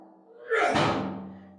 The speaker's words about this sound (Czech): Ha, teď někdo klepe z druhé strany. Kapitáne, kapitáne, to klepete vy? Kapitáne, pokud to jste vy, tak zaklepejte třikrát po sobě.